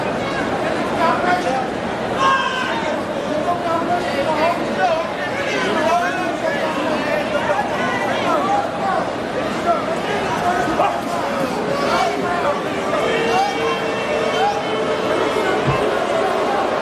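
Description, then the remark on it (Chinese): A boxing arena audience boos Hicks and Leslie during their slow-paced undercard bout before the main event, a dense, sustained wash of many voices holding low drawn-out tones, steady and loud for the whole stretch with scattered shouts mixed in. “现场也是响起了嘘声，打到这个阶段双方还是进行这种慢节奏经济型消耗，现场嘘声四起啊，观众也表达了对于两个人的不满。”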